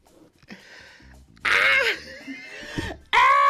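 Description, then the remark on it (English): A voice imitates a screaming beaver with strained, wheezy shrieks: a quieter rasping buildup, then a loud drawn-out screech and a second abrupt blast at the end, harsh. “I feel like that beaver. You know that viral beaver that the screaming beaver?”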